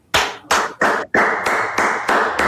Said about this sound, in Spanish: ¿Qué ha hecho? Me sumo a los aplausos,